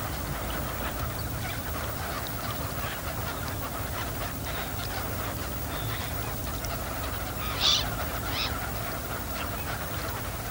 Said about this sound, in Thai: เป็ดปากสั้นเป็นเป็ดในกลุ่มที่ว่ายหากินอยู่บนผิวน้ำใช้ปากไซหาสัตว์และพืชน้ำเล็กๆกินเป็นอาหารเป็ดปากสั้นกลุ่มนี้หนีความหนาวเย็นมาไกลจากไซบีเรีย